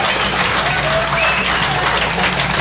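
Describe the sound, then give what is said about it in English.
Steady, dense applause from a sizable stand-up comedy audience fills the whole stretch, loud and continuous with no break, a broad wash of many hands clapping at once. “That's a good crowd right there.”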